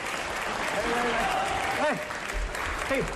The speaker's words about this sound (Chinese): 闪亮登场，掌声鼓励，掌声啊，掌声鼓励！